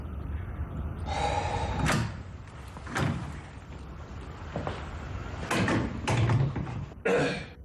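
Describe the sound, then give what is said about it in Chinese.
At night, the door to a room in a house in a villa district is pushed open with a creaking, scraping slide as someone walks in, followed by a few sharp knocks and bumps of it moving and settling, with no talking. “他推开门走进房间。”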